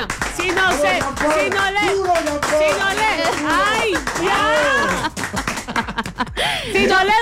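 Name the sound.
applause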